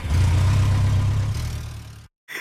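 A motorcycle engine idles with a steady, throbbing low rumble that eases slightly before cutting off abruptly. No voices are heard.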